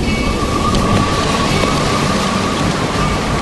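A steady, loud roar of wind-driven rain and surging water from a storm at sea, heard on the deck of a ship, fills the scene without pause, with a deep rumbling undertone like thunder or heavy surf; no voices.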